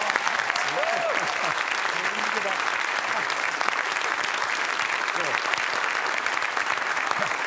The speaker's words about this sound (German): Deswegen begrüßen Sie bitte mit einem donnernden Applaus